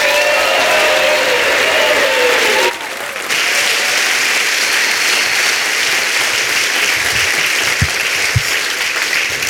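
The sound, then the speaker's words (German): A large audience bursts into sustained, loud applause to welcome a performer onto the stage, dense clapping throughout, with a few whoops or cheers rising briefly at the start before the clapping continues steadily. “Ich sehe, er hat richtig Bock und ihr klatscht ihn mit allem, was ihr habt, auf die Bühne.”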